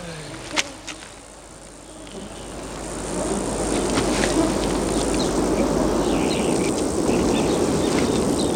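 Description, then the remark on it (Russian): Flies buzzing, a steady dense drone that swells after a couple of seconds and holds, with a couple of sharp clicks near the start and no voices. “Дрессированные мухи.”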